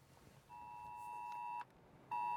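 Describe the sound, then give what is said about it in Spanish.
A mobile phone emergency alert tone sent by the emergency services: a loud, steady electronic blare that holds for about a second, cuts off briefly, then starts again. Faint background hiss, no voices. “Este sonido puede salvar vidas. Cuando llega el móvil, hay que seguir inmediatamente las instrucciones de los servicios de emergencia.”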